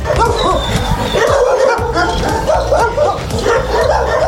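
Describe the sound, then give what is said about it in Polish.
Many dogs waiting for adoption at the Na Paluchu animal shelter in Warsaw bark and yip at once in a loud, continuous chorus, with overlapping calls from several animals. “Stołeczne schronisko odwiedziła Małgorzata Zawada.”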